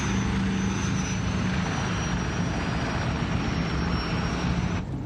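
A steady airplane engine drone fills the whole stretch, loud, with a continuous low rumble and a faint whine overhead, no talking.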